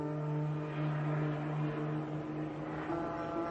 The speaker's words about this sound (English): In the dark night, the captain hears and then sees a helicopter with its landing lights on, flying over the ship, hovering over the landing pad.